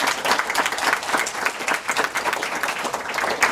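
An audience applauds steadily, a dense wash of many hands clapping at an even, sustained level throughout, with no voices standing out.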